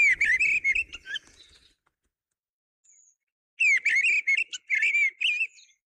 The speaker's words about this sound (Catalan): Griva. Turdus piscivorus. Ocell de zones boscoses i camp obert que resideix tot l'any als trams alt, mig i baix.